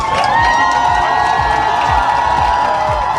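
A large crowd in Warsaw cheers and shouts continuously to welcome Poland's gold-winning volleyball players, the new European champions, a dense roar of many voices with whistles and horns, loud and sustained throughout.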